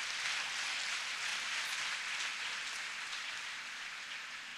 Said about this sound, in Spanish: ¿Alguien dice amén a eso? ¿A quién puede dar un fuerte aplauso y celebrar con nuestro pastor por eso?